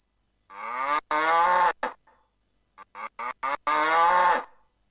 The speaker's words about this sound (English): Sapi. Sapi. Cow. Cow. Bakorotun. Bakorotun.